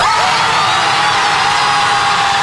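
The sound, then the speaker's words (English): A dense, continuous wall of high-pitched screaming from many people stepping on Lego bricks scattered all over a beach, loud and sustained without a break for the whole stretch, blending into a harsh, hissing roar. “How long do you think they go screaming?”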